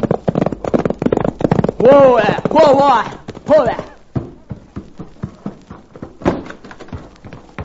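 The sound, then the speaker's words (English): A pony gallops home with its rider raking spurs over its flanks, its hoofbeats pounding in a quick, steady rhythm that stays loud before easing into a slower, more spaced clatter toward the end. “suddenly saw something which caused him to rake his spurs over his pony's flanks and come racing home.”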